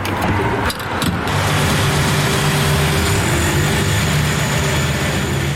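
A car engine idles steadily at a small petrol station with five pumps on the main road in Aarau-Rohr, Switzerland, as a man drives up to refuel; a continuous low rumble with a faint high whine, interrupted briefly near the start by a couple of sharp knocks.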